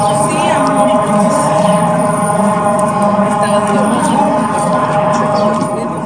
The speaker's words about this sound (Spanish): Así también en toda la ciudad se escucharon las alarmas ante la posible llegada de un sismo registrado en San Marcos de 5.2 grados en la escala de Richter, el cual no fue perceptible para la ciudad de Taxco y la región norte.